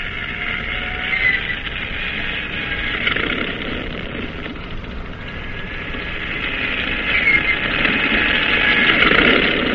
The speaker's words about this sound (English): "Start engine. Stand clear. Turn over."